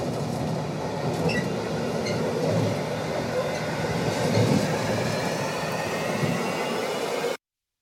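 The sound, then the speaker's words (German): A moving freight train, heard by someone riding on it, rumbles steadily, with dense low rattling of wagons and faint high metallic squeals drifting over the continuous roar. “Hört ihr das? Ich fahre Güterzug.”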